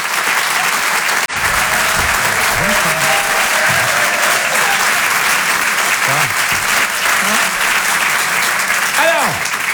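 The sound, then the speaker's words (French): Warm, sustained applause from an audience welcoming a comedian onto the stage, dense and steady for the whole stretch, with a few voices calling out faintly beneath the clapping. “Je vous demande de l'applaudir très très chaleureusement, s'il vous plaît.”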